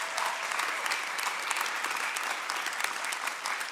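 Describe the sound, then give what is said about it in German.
Steady applause from an audience for a guest's wife, a dense crackle of many hands clapping at even loudness throughout, with no voices standing out. “Und das ist jetzt der Applaus für deine Frau.”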